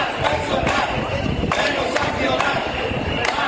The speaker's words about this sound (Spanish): Y multitudinaria protesta en la tarde de ayer en Ciza en defensa de la sanidad pública.